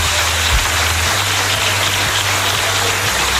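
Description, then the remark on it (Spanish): Sustained applause fills the Andalusian Parliament chamber after Juan Manuel Moreno Bonilla is announced as re-elected president of the Junta de Andalucía, a dense, steady wash of many hands clapping at once, loud and unbroken from start to finish with no voices heard. “Pues con ese aplauso de la Cámara se daba ya por anunciado que Juan Manuel Moreno revalidaba su puesto al frente de la Junta de Andalucía por 4 años más”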